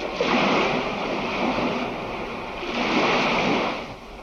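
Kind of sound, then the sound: nature, roaring ocean waves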